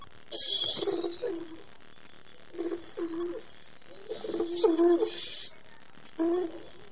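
A white dove coos in soft, low, throaty phrases, four short bursts spaced a second or two apart, with faint higher chirps from other birds in the background.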